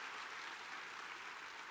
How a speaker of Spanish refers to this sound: Ah, aplauda al Señor, que Él es merecedor de toda la gloria.